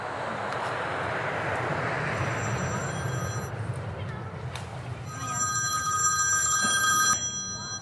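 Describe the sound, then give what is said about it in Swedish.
A telephone rings in two bursts of bright electronic trilling, separated by a short gap, as a woman places a call from an airport, over a steady background roar. “Okej, nu ringer hon på flygplatsen.”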